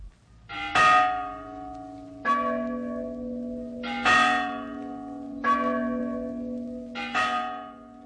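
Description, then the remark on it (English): Church bells in a steeple, rung by a bell ringer, ring out in a steady sequence, about six loud clangs spaced a second or so apart, each leaving a long, humming resonance that overlaps the next strike. No voices are heard. “How if one of the bells should fall?”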